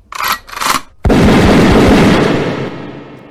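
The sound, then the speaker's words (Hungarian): Two short sharp bursts lead into a sudden, loud volley of rifle fire from a firing squad of twelve soldiers executing General Kiss Ernő on 6 October at 5:30 a.m.; it crackles and booms at once, then rumbles and slowly fades away; no one speaks. “12 katona állt fel velük szemben, parancsnokok kardjával intett, és a lövések eldördültek.”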